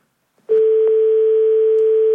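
A steady, unbroken telephone dial tone starts abruptly after a brief click as a call is cut off, and hums on at constant loudness until the end, with faint clicks early on and no voices.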